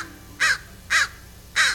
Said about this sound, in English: So you're walking down the street, and a trash can's been tipped over, and eagerly picking through the riches strewn across the sidewalk are several black birds. They're crows. Or ravens. No, definitely crows.